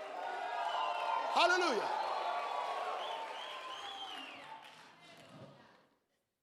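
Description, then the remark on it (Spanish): A church audience bursts into a loud shout of victory, with overlapping voices rising and falling in pitch and a single word called out, sustained for several seconds before tapering off. “Un grito de victoria.”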